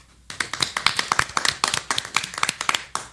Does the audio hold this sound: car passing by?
no